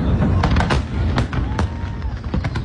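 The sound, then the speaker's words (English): Fireworks shells burst again and again in a rapid, irregular volley at a large Fourth of July fireworks show, with 850,000 shells launched from 10 locations across the city; sharp cracks and booms layered over a continuous loud rumble of explosions. “After the president's speech, the crowds retreated to what was billed as the biggest fireworks show ever, with 850,000 shells being blasted from 10 locations all over the city.”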